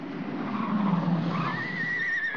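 A police car skids with a rising, high tire squeal over a rough roar of road noise, loud, lasting a couple of seconds with no voices.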